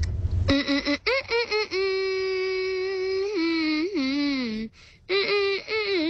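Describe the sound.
A lone voice hums a pop tune up close: a few quick, clipped notes, then a long sustained note that bends and slides in pitch, ending with short bursts after a brief pause.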